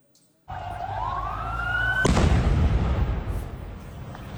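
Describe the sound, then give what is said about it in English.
A rising whistle builds for a second or two, then a single loud explosion bursts out and leaves a heavy rumbling roar that slowly fades. No one speaks. One of two explosions in Damascus, Syria, near the hotel of visiting French president Emmanuel Macron, injuring at least 18 people. “Two explosions have rocked Syria's capital, injuring at least 18 people.”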